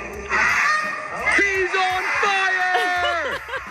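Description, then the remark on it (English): A person imitates a Canada goose in front of a crowd, letting out a string of loud, nasal honks with rising and falling pitch, sustained for several seconds. “Next up, the Canadian goose.”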